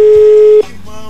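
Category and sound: signal or alarm, telephone busy signal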